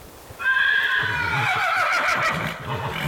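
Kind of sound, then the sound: animal, horse neighing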